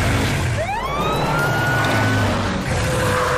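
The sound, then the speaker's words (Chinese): The siren of Maomao's fire truck, parked on a geyser, whoops upward into a sustained wail, then fades, over a steady, loud rumbling background with no one speaking. “乐乐，想办法让霸王龙面对毛毛的消防车。”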